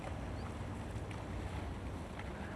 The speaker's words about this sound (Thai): คนสิงคโปร์นะครับเขาคนนี้นิยมก็คือเขาเร่งกีฬาแบบพายเรือนะครับพายเรือแบบนี้เห็นไหมพอดีมาแล้วโอ้ท่านใจมากมีผู้ชายด้วยมีผู้หญิงด้วย